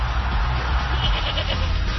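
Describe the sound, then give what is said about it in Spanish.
A goat bleats in a wavering, nasal cry that swells and fades across two seconds, sustained and moderately loud over a steady low rumble, with no one talking. “Y ya lo escuchó, hay que hablar del rebaño, las Chivas que llegan a la mitad del campeonato.”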